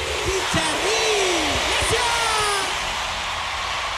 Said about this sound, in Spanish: aplausote grande para estos muchachos